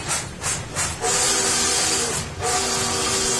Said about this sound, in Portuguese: Barulho de trem.